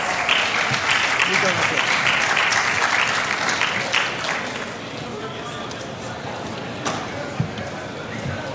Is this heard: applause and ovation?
yes